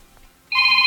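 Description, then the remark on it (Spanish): A single electronic phone keypad tone sounds after a brief moment of quiet as someone presses 92.9 on a phone to start a game, a steady, bright beep that holds clearly until the end, with no talking. “Pícale a tu teléfono 92.9. Es para que inicie el juego.”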